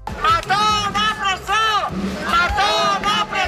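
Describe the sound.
A large protest crowd of associations of DANA victims chants in unison in Valencia. Loud voices rise and fall together in a steady, repeated cadence of short shouted phrases, with a murmur of the crowd underneath.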